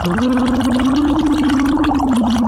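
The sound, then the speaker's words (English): As a vocalizing exercise, bubbles are blown through a straw into water in a cup while a voice hums a steady low tone, giving a continuous, loud, gargling burble that lasts the whole time without a break. “So what you do is every hour we have to, I want you to sort of blow into the straw, but vocalize and make some bubbles, but also vocalize.”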